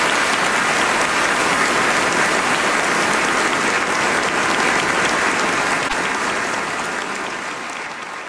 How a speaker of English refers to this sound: please join me in giving a warm round of applause for our brilliant engineers